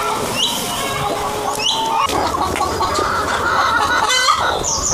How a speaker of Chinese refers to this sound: 不绝于耳的打鸣声，这些灵草鸡在欢迎我们去和他们的主人打个招呼。